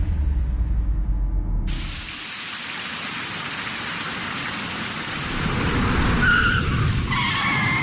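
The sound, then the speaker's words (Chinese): Heavy rain pours steadily, broad and hissing, as a fast-ridden vehicle skids with a brief squeal of braking on the slippery wet road, loud, with no voices present. “你给我刹车，这么大的雨，路这么滑，你还骑那么快啊？”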